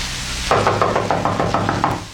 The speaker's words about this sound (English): You'll go to the door and knock on it.